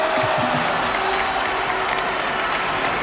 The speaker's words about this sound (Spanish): Un aplauso de todos.